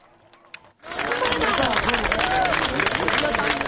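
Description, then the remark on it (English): After a brief hush, a large crowd in Spain erupts into loud, sustained applause during a total solar eclipse, the dense clapping mixed with cheers, whoops and excited overlapping voices that continue to the end. “And there was applause in Spain as this was an extremely rare occasion.”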